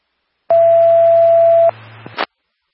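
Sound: radio dispatch alert tones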